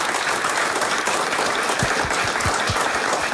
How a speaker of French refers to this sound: Et comme ben, nous sommes en public ici à Rochehaut, je propose qu'on applaudisse encore une fois tout le monde. Merci d'être là les amis.